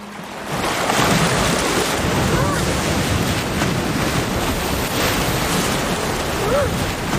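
Heavy surf crashes and churns continuously against the shore at a harbor seal haul-out site, loud, with a constant roar of gale wind that lasted all night buffeting through it and no clear gaps between the surging waves.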